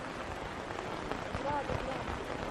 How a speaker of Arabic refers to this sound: نراعي شوية يكمل المطر وبعدين نتحرك، أو ما قلت يا شيخ؟